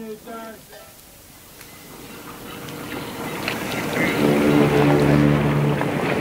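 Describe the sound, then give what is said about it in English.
A ship's deep horn sounds the all-visitors-ashore signal, a faint brief blast first, then a louder sustained blast swelling over rushing wind and water noise. “We've got to hurry. There's the all visitors ashore.”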